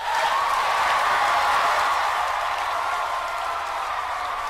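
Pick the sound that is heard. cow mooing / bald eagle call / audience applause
audience applause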